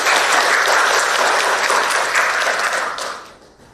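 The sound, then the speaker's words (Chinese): A crowd applauds steadily to welcome a performer, a dense wash of many hands clapping at an even loudness for about three seconds before the clapping thins and fades out at the end. “好，我们掌声欢迎。”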